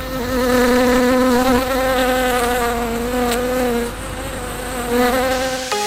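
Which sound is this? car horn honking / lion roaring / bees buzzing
bees buzzing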